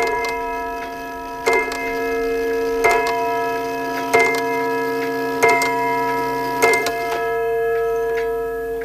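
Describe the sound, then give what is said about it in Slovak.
A clock strikes six o'clock with evenly spaced strikes, each ringing tone lingering and overlapping the next, with faint ticking underneath. Clear, no voices. “Každé popoludnie až do úderu 6. hodiny musím mať tvár obrátenú do záhrady.”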